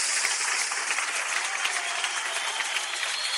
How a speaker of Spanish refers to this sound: Dale una ofrenda de palmas al Rey de Reyes.